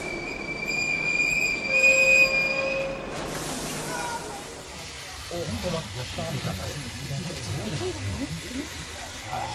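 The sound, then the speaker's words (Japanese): A crowded passenger train's wheels screech in a high, sustained metallic squeal as it brakes to a stop after running many kilometres, then give way to a lower rumbling clatter of cars on the rails, with muffled voices faintly underneath. “それはとても辛い決心で、正しいかどうか確信はありませんでしたが、ともかく私たちは列車に乗り込み、狭苦しい不自由な状態で何キロも走った後、やっと止まりました。”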